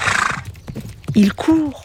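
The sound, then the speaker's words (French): A horse whinnies in two loud, high-pitched bursts over a quick, rhythmic patter of galloping hooves, preceded by a short rush of breathy noise. “Il court si vite que Toudou n'en croit pas ses yeux.”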